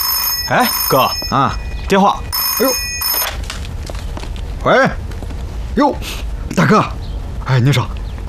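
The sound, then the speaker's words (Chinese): An old-style telephone bell rings twice in short bursts while a man talks over and between the rings. “哎，哥， 啊，电话。”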